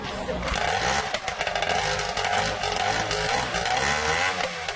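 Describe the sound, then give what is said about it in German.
The engine of a restored racing boat, taken back out of a museum, roars loudly and continuously as it starts up, with a harsh, buzzing rasp and uneven surges in revs throughout, its low throbbing drone running beneath a gritty high-pitched snarl. “Inzwischen hat der Motor auch erste Lebenszeichen von sich gegeben, da kann es also gleich aufs Wasser gehen.”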